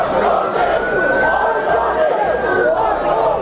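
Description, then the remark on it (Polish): A loud, dense crowd of rioters in Southampton in the evening shouting and yelling over one another in a continuous roar, with a steady high-pitched tone drawn out through the middle of the din. “A do takich zamieszek doszło wieczorem w Southampton.”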